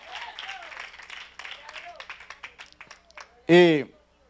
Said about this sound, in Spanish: Dele aplauso fuerte al Señor en esta noche. No quiero que se vayan a dormir, amén.